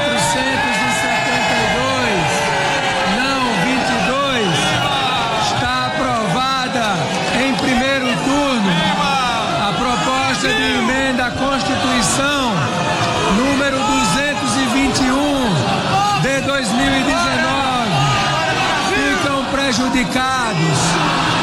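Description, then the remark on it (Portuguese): A large crowd of government supporters in parliament shouts President Lula's name together at the first-round approval of a proposal, many overlapping voices rising and falling in loud, rhythmic bursts that continue steadily without a break. “Vamos acompanhar o momento da aprovação da proposta em primeiro turno, quando apoiadores do governo gritaram o nome do presidente Lula.”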